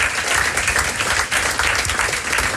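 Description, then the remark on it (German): A crowd applauds steadily and fairly loudly to welcome a guest television presenter, a dense wash of many hands clapping at once that fills the whole stretch with no talk over it. “Und begrüßen doch mit einem herzlichen Applaus das SRF-Aushängeschild und Moderatorin Jennifer Bossart.”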